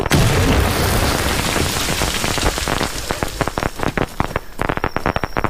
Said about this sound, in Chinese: 鞭炮声是好事，正好掩护咱。 好，门口都放。